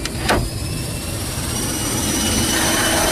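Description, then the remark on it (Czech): Steady, loud roar of cargo plane engines as the plane, loaded with crated horses, slowly closes up before departing for Istanbul, with a brief mechanical clunk near the start and the drone holding constant throughout. “Kasa se pomalu zavírá a my odlétáme.”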